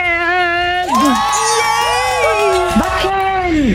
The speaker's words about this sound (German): Ja, genau so soll das klingen. Also ihr schreit uns so richtig schön den Ort ins Ohr, wo ihr hin wollt.